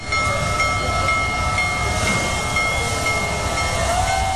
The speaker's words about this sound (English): Hey, the world's largest operating steam locomotive rolled through Colorado this week.